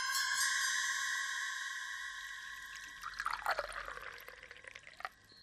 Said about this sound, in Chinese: 萧啸天笑了笑，一边倒水一边说：